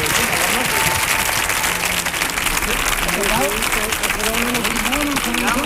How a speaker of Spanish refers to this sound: Fuerte el aplauso para los cuatro, vamos allá.